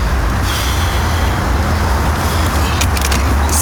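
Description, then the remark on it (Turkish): A car drives along with a steady, loud engine and road rumble. The noise holds constant throughout, with brief higher hissing bursts near the end and no voices. “dur şu arabayı. Ya duramam.”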